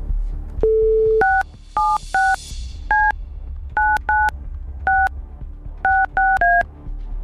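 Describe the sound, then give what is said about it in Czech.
A short dial tone, then about ten touch-tone beeps punched in irregular little clusters as the phone number of someone who sent a text message is dialed, crisp over a low background hum, with no talking. “Točil jsem telefonní číslo někoho z vás, kdo jste nám poslali SMSku s informací, co chcete proplatit.”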